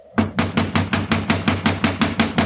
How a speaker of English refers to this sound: See if it's open. No, no, it's locked. You just have to keep knocking till he wakes up.